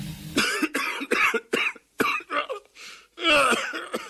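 A loud fit of coughing: about eight or nine harsh, rasping coughs in quick irregular succession, ending in a longer throaty hack. No one speaks.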